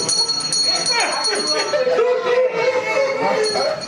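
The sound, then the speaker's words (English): Several bells, brought by a family to mark the end of a man's cancer treatment, ring together in a steady, continuous jangle, bright, with excited voices talking and calling out underneath throughout. “Traditionally, a cancer patient rings a bell to mark the end of treatment. But in this case, … and his family brought the bells to ….”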